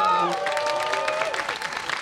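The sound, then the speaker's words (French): An audience applauds the speaker's friends, a dense crackle of many hands clapping at once, with a few voices whooping and calling out over it at the start. “Ah oui, on peut aussi les applaudir très fort parce que ça a été mes rowdies.”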